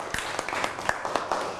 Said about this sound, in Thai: นั่งลงครับปรบมือให้กับเพื่อน